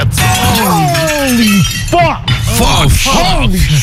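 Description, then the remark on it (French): The glass pane of a python's vivarium shatters as the snake breaks out, crackling and tinkling for several seconds, loud and dense, while excited voices rise and fall in sweeping cries over the breaking. “Il a pété la vitre et l'américain était là.”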